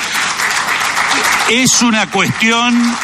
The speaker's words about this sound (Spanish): Empecé a aplaudir, así alguien aplaude.